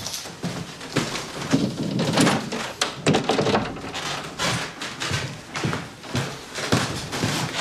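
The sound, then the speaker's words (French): A very narrow door is handled with a series of dull wooden thunks and knocks, plus scraping and rattling as it opens and shuts, spread over several seconds with no one speaking. “On peut continuer par cette porte très étroite.”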